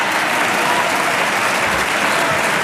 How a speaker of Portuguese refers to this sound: Aplausos dos partidos que suportam o governo, PSD e CDS.